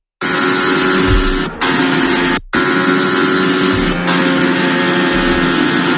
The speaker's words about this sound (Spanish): Esto que escuchas es el sonido del monoplaza de Fernando Alonso